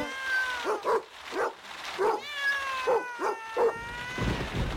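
cats meowing

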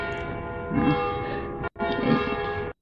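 bells ringing

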